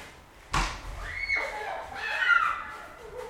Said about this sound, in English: They're getting all this snow off the top of the cars, like bigger and bigger snowballs, and throwing them hurtling through the air at one another's heads. Should I have a window? Maybe you can hear it. Yeah, let's listen to the snowball fight.